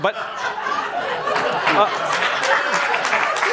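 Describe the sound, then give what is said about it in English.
A burst of applause mixed with laughter and overlapping voices, a steady dense patter of claps that stays fairly loud for the few seconds it lasts. “Don't applaud.”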